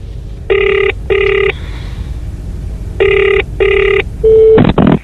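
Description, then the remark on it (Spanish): A telephone rings in a 911 emergency call recording, in two paired bursts of buzzy, steady tone separated by a pause, followed by a short higher tone and a sharp clatter like the line being picked up, over a low hum. “Hablemos de la llamada a emergencias.”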